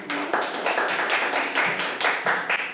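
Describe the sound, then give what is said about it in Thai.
A group of students in a Thai classroom applauds a classmate from group 4 coming to the front to present answers, a dense, steady patter of overlapping hand claps, fairly loud and sustained for a few seconds with no talking. “ขอตัวแทนนักเรียนที่4ออกมานำเสนอทางด้านหน้าเลยค่ะนักเรียนปรบมือให้กับเพื่อนค่ะ”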